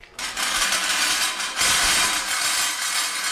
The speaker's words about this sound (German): Mit lautem Scheppern.